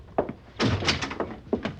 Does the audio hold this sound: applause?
no